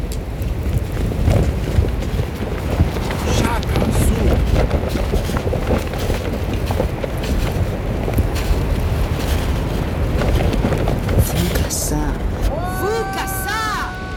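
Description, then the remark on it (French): Strong, steady wind roars and gusts across a windswept Tibetan plateau with rocky slopes, a dense rushing noise, with a few brief high warbling calls rising over it near the end. “Sur ce plateau tibétain balayé par le vent, aux pentes rocailleuses, vous êtes entouré d'une dizaine de Denisoviens, membres d'une espèce éteinte du genre Homo.”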